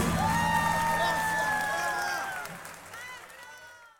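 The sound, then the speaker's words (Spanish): An audience applauds and cheers loudly for a harmonica player, with sustained whistles and rising whoops over the clapping, before the crowd noise tapers off and fades away over about four seconds. “aplauso fuerte”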